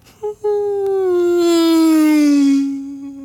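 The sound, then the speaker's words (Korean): A voice imitates, by mouth, a car approaching from far away as a sound effect, with a slight Doppler effect: after a brief opening note, a long buzzing hum swells in loudness and slides gradually lower in pitch, fading slightly at the end. “자동차 멀리서부터 오는 거.”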